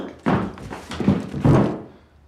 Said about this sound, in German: Was wird das jetzt? So fällt ein normaler Mensch um.